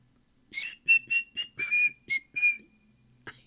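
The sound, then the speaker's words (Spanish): A short whistled melody of about seven clear notes, steady pitch with a few slides, alone with no talking. “Así va el silbidito.”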